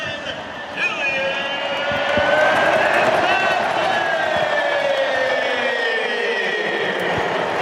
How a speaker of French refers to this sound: Et là, vraiment, le travail de Kylian Mbappé pour aller tromper le gardien suédois. Magnifique, 5e but de Kylian Mbappé dans cette Coupe du Monde. Il rejoint Erling Haaland. Et écoutez l'acclamation.